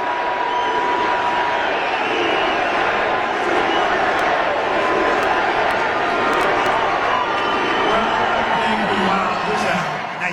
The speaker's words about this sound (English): He's walking up to the microphone now. Getting a USA chant.